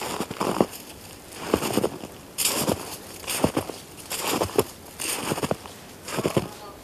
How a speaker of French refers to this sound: Sous mes pas, un mélange de neige, légèrement humidifié.